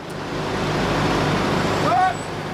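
About 20 heavy military trucks roll past in a convoy during a military exercise in the Schwalm-Eder district of northern Hesse, Germany, on their way to northern Germany. A steady engine and road rumble swells and holds, with a brief high brake squeal near the end.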